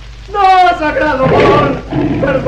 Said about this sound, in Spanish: El nativo gemía suplicante ante Calimán, que se había convertido en gigantesco tigre que rugía amenazante.